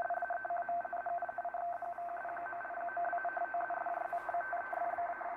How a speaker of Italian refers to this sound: Ora, questo è un segnale strano, è composto da due toni e la nostra esperienza ci fa pensare subito a qualcosa di digitale, bit 0 e bit 1, e effettivamente è così.